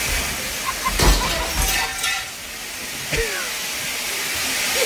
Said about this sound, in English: That is so much water. It's a ton. That is so much water. It's not like a sprinkle. It's a huge gush. Like she broke the sprinkler head. It's like the commercial sprinkler system.